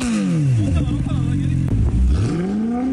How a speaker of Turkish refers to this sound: Trafik şube ekiplerinin yaptığı denetimlerde gürültü kirliliğine neden olan ve abartı egzoz kullanan sürücüler de belirlendi.